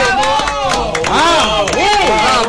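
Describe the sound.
Loud, steady applause fills the whole stretch, dense clapping mixed with cheering voices that rise and fall, close and continuous from start to finish.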